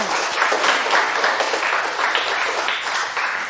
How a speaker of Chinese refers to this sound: 谢谢， 掌声送给他。